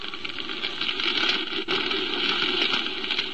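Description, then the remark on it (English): Fire engines and police cars race through the streets toward a burning piano factory, the Olympus Piano Factory, in a steady, dense roar of engines and rushing traffic noise, loud throughout with no voices. “Fire engines and police cars streaking through the streets toward the Olympus Piano Factory told me which way to head.”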